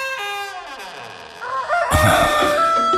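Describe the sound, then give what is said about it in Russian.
A rooster crows loudly, one long drawn-out call that rises and breaks into a harsh, strained ending, with no other voices around it. “Как, милый петушок, поешь ты громко, важно.”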